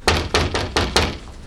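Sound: knocking on a door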